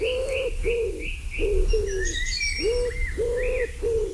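A pigeon coos in a steady series of low, hollow notes, about seven in a row, while other birds chirp and twitter at higher pitch behind it.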